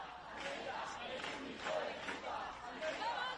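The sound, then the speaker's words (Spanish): A protest crowd, mobilized through WhatsApp and social media and gathered at the door of a woman's house, shouting together in rising, rhythmic surges, many voices blending into a loud, continuous roar with a few sharper cries standing out. “Si querés poner un poco lo que era la movilización, y la gente gritaba, escuchá.”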